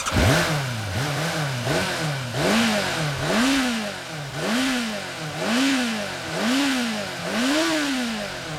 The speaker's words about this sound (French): J'ai fait rugir mon moteur!